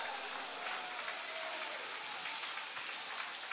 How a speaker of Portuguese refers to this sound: Quem vai até o fim, levanta a mão e dá um glória a Deus aí e aplaude a Ele neste lugar.